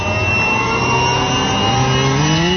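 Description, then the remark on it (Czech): A jet engine spools up with a loud, steady roar and a rising whine, continuous for a few seconds, with no voices. “Startujeme.”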